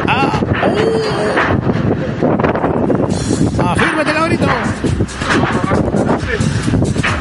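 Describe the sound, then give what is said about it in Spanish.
Loud, steady roaring wind of a storm in the Cruce Santa Bárbara sector buffets the microphone throughout, a dense rushing noise with gusty surges, while a man shouts a few words over it. “Oye, afirmen ese techo. El viento fuerte. ¡Esto se llama tormenta!”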